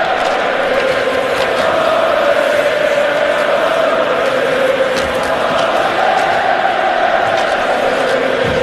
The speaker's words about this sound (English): Listen to the Montreal crowd up 2-0.